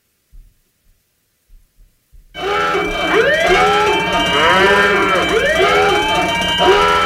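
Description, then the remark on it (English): A loud hot-take alarm sound effect of wailing sirens, several overlapping rising and falling tones, bursts in after a couple of seconds of near-silence with a few soft low thumps and then blares continuously to the end. “There's our hot take alarm.”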